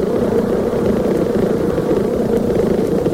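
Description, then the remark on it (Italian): A honeybee's waggle-dance buzzing: a loud, steady, low droning hum that runs unbroken for a few seconds with a slightly rough, throbbing texture and no voices. The bee is signalling to other bees that a food source is 0.5 kilometres away. “Quest'ape sta dicendo alle altre che la distanza è di 0,5 chilometro.”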